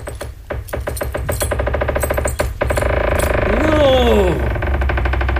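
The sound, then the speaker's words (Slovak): A special key opens the lock of a chest with a loud, fast mechanical rattling that runs steadily for several seconds, joined near the end by a squeaky, gliding whine. “Aha, týmto špeciálnym kľúčom to bude raz, dva hotové.”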